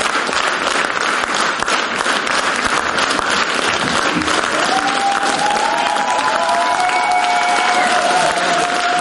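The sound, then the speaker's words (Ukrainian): A large theater audience on its feet applauds the actors loudly and continuously, not letting them leave the stage, dense clapping filling the whole stretch, with a few high whistles and cheers rising over it in the second half. “Втім, це не завадило їм зіграти так, що зал стоячи аплодував їм і не відпускав зі сцени.”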